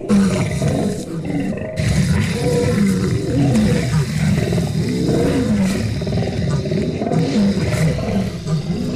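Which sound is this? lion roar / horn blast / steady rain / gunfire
lion roar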